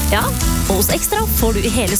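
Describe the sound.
A steady hiss of a Big Beefy Burger sizzling on a grill runs underneath a man speaking continuously, the crackle staying fairly low behind his voice.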